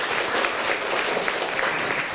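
A group of children clapping together, a dense, steady patter of many hands at even loudness throughout, with no voices standing out above it.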